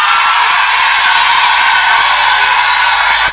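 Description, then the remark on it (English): A large crowd of women screams and cheers loudly and continuously, a dense, high-pitched roar of many voices that holds steady for a few seconds without any talking. “Now, if you're a lady in this place and you bought your own tickets, let me hear you scream.”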